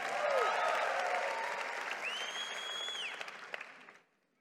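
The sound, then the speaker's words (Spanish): An audience applauds the Lord steadily for about four seconds, with scattered cheers and whoops of joy to the King rising above the dense clapping, before it cuts off abruptly. “Vamos, dale un aplauso al Señor. Vamos, da un grito de júbilo al Rey.”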